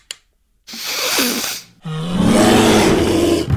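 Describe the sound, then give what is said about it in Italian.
A bear roars loudly in two long, rough bursts separated by a brief pause, the second growl deeper and more sustained. No voices are heard. “Dai, orso, ci facciamo un pippotto?”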